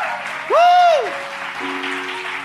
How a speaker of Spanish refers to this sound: Vamos a dar un fuerte aplauso al Señor.